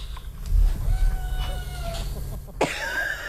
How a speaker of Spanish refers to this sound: ¿No lo oís? Sí, oímos que maulla, maricón. Pero no que dice hola.